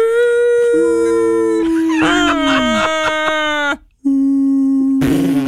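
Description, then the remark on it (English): A voice imitates whale song with loud, drawn-out moaning tones that waver and slide in pitch, sustained for several seconds with one brief break near the end. “You'd be like, "Dad, you hear the sound of the whales?"”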